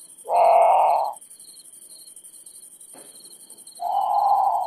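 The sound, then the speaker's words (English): A great potoo lets out two loud, harsh, groaning wails separated by a few seconds of quiet, while crickets buzz steadily in the background. “Okay, so that's the Grand Patou. It's haunting.”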